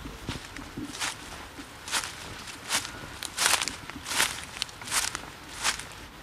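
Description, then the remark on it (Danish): Footsteps push into the undergrowth of a detached house's garden, about eight crunchy, rustling steps at a steady walking pace. The steps stand alone over a soft background hiss, with no talking. “Prøv jeg lige at gå ind i krattet.”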